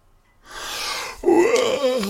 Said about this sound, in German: Gähnte Paul, als er die Bettdecke wegschlug und sich aufrichtete.